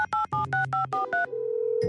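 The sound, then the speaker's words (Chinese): A mobile phone keypad dials a quick run of about seven beeping tones as a number is called from a second mobile phone, then a steady, continuous ringback tone takes over. A brief click sounds at the end, and no one speaks. “那你用另一个手机打这个号码。”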